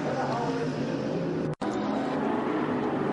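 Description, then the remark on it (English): Onboard with Anthony Vince, a race car engine roars steadily, then cuts out for a split second midway before surging back, a brief hesitation on the throttle within an otherwise constant, loud drone. “You could just hear the hesitation in the throttle.”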